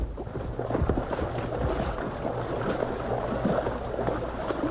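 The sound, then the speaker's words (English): Fast-flowing, deep river water rushes steadily throughout, a dense, continuous wash of churning noise at a constant, fairly loud level, with no voices. “The water's mighty fast. Plenty deep, too.”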